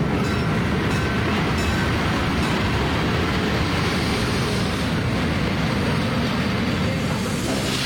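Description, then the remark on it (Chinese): A passenger train from Wuhan to Beijing rumbles steadily along railway tracks, its loud, continuous roar and faint clatter filling the whole stretch with no voices. “放心吧， 武汉到北京就这一趟火车，他一下车咱们就实施逮捕。”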